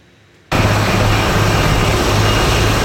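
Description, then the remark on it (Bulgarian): A military Cougar helicopter of the 24th Air Base Krumovo in flight on a firefighting mission high in the mountains cuts in abruptly after a brief hush: a loud, steady roar of engine and rotor noise with a low, throbbing undertone, and no voices. “За гасенето се използва огромен доброволчески и държавен ресурс, а високо в планината единственият начин е с хеликоптер.”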